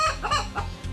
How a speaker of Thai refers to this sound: นั่นก็คือเสียงไก่ขัน